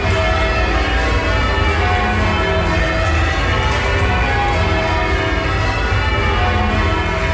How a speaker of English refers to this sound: In the ringing chamber, you can't see any of the bells. They are all in the room above where the ringers stand. What you can see is 8 ropes that dangle down from the ceiling, which are attached to the 8 bells above in the bell chamber.